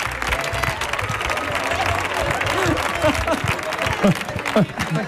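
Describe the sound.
An audience applauds steadily, a dense wash of clapping that holds at a fairly loud level throughout, with voices and brief vocal calls rising above it.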